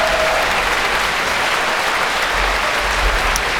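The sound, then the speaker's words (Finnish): Steady, dense applause from a large concert audience after an orchestral piece, as conductor Nicholas Colon raises the orchestra to receive it, with Antti Auvinen and Ava Bahari also on stage; a continuous wash of clapping at an even, fairly loud level with no voices or music. “No siellä kapellimestari Nicholas Colon nostattaa vielä orkesteria vastaanottamaan yleisön aplodeja ja lavalla on tietysti myös Antti Auvinen ja Ava Bahari.”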